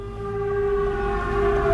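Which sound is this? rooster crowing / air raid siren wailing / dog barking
air raid siren wailing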